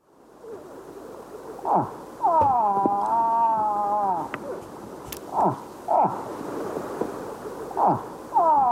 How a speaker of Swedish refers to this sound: Älg. Ja, skogens konung.